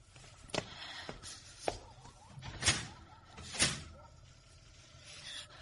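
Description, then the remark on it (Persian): A door is pushed shut and locked: a handful of separate knocks and latch clicks over a few seconds, fairly soft, against a quiet background with no talking. “در رو قفل کن، ممکنه کسی بیاد تو.”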